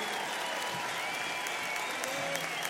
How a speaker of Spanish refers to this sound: Un aplauso para ellos y para todos los músicos de este país.